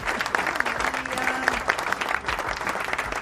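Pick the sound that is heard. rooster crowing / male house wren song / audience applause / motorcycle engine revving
audience applause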